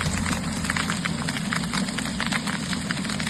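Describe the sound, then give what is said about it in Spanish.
Dense, irregular clattering of golf-ball-sized hailstones from a storm in Casas Bajas, province of Valencia, striking hard surfaces, a steady rattling roar of sharp impacts over a low rumble, continuous and fairly loud throughout with no voices. “Es el sonido del granizo del tamaño de pelotas de golf que ayer por la tarde cayó en Casas Bajas.”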